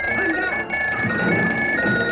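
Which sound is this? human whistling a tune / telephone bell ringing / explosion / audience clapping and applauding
telephone bell ringing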